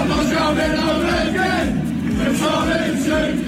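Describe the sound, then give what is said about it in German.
A large crowd of British football fans sings a chant dedicated to Thomas Tuchel, a loud, continuous mass of voices holding a steady melody that rises and falls over a dense roar. “Sie haben ihm sogar schon Fangesänge gewidmet.”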